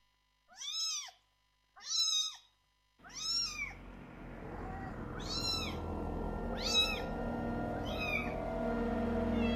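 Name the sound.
cat meowing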